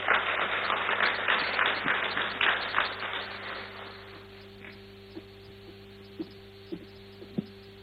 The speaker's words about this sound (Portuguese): Mais uma vez, peço uma calorosa salva de palmas para todos os CEOs aqui distinguidos.